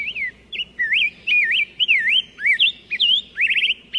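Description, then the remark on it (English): Songbird calls whistle and chirp in quick succession, bright sliding notes repeating over four seconds, clear with a faint low background hum. “Waxwings, tanagers, robins, grosbeaks, even tiny warblers feast on nature's bounty.”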